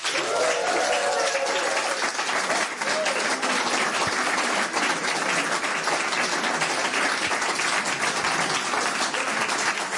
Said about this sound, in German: Bitte begrüßen Sie mit einem frenetischen, tosenden Applaus.